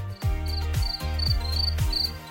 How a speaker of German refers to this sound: Dieses SWR4 Sommernachtsgeräusch, das Zirpen der Grillen